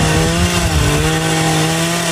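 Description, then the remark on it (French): A chainsaw runs steadily at high revs, a loud engine drone with a constant buzzing pitch and rough grinding texture as it cuts into wood to carve a sculpture at an international wood sculpture contest at an agricultural fair in Brulon, Sarthe, France, with no voices. “Rassurez-vous, pas de massacre à la tronçonneuse. C'était l'Open International de sculpture sur bois au Comice agricole de Brulon.”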